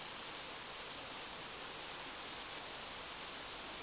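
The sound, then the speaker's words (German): A steady, unbroken roar of falling water, the Cascade des Anglais waterfall in the mountains of Corsica, a dense rushing hiss that stays constant throughout with no voices or other sounds. “Sie zogen das Gebirge und die Wasserfälle dem Meer vor. Seitdem nennt man diese Fälle die Cascade des Anglais.”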